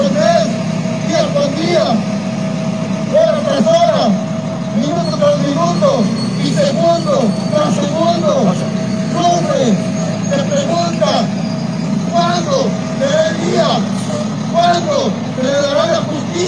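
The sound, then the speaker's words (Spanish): Heavy bus engines idle with a steady low rumble while a crowd of voices chatters throughout, as teacher-training students board their buses after a protest rally to return to their school in the municipality of Tizcla de Guerrero; the engine noise holds constant as the buses prepare to pull away. “Los normalistas concluyeron su mitin y abordaron sus camiones para retornar a la escuela normal ubicada en el municipio de Tizcla de Guerrero.”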